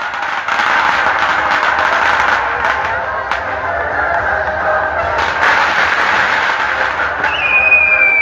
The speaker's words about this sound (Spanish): ¡Aplausos!